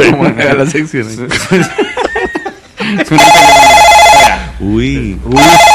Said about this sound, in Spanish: Suena ahora, suena un teléfono